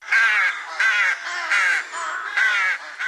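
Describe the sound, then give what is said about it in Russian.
A large black rook caws loudly while walking on thawed ground in spring, pecking at something, a rapid run of about five harsh, raspy calls with barely a pause between them, and no voices. “вон грач, большой, черный, ходит по оттаившей земле, что-то выклевывает.”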